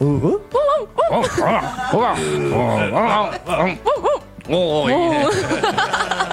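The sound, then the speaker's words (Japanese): A child's voice mimics the bark of Pono, a male rescue dog, firing off a quick string of short "wan wan" woofs with a playful, laughing edge, while other voices chatter and chuckle alongside. “じゃあワンちゃん語でちょっと話してみ よう。ワンちゃん語でタクシーの人とかね。”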